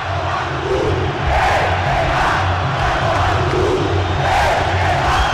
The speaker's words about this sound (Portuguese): a torcida tem um recado pra você.